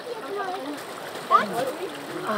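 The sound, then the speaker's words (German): Steady rushing and splashing of water coming from the mountains, pouring into a bottle being refilled, a continuous bright hiss with small gurgling bursts, while a person talks over it. “Aber wenn es jetzt hier so richtig aus den Bergen kommt, dann darf man.”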